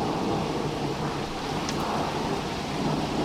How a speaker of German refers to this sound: Boah, da haben sie richtiges Gewitter da oben, oder? Oh. Ah, jetzt wird's besser, das Gewitter. Jetzt wird's besser.